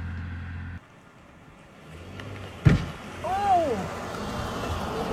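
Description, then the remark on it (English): A truck rumbles past outdoors, its broad road noise swelling toward the end, with a sharp thump partway through and a brief high whine riding over the engine. “What you're going to hear is a truck driving by, making the mistake of daring to drive by Smash.”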